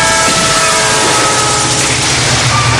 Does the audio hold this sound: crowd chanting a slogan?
no